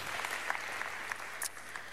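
An audience applauds with dense, steady clapping that stays fairly even in loudness for the full two seconds, with a faint low hum underneath.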